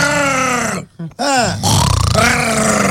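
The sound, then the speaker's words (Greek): A man's voice imitates a pig, giving rough, throaty grunts with a nasal snorting edge. A short pause breaks them into two loud bursts, with no other sound around them. “Κάνει και το γουρούνι.”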